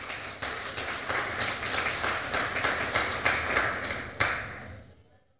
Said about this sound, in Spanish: A ver, un aplauso para nuestro Señor.